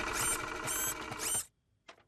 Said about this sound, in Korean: 아줌마가 하는 일은 이 컴퓨터로 여러 가지 도형을 그리는 거란다. 오. 봤지? 그런 다음 프린터로 뽑는 거야. 페파, 너도 한 장 뽑아줄게.